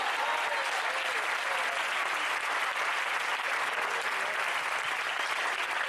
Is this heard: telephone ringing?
no